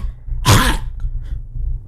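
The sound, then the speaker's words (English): A person imitates a cat hacking up a fur ball with one short, harsh, throaty retching cough, loud, followed by quiet low background hum. “Cats, a lot of times, they sound like they're hacking up a fur ball.”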